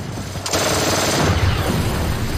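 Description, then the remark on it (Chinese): Sustained, rapid machine gun fire from twin Vickers guns, strafing while a vehicle drives down the middle of an airfield runway past parked aircraft: a loud, dense stream of cracking shots that starts sharply and rattles on without pause over a low, steady rumble. “他把车一直开到了跑道中间，两边停着各种飞机，我们用双管维克斯一路扫射。”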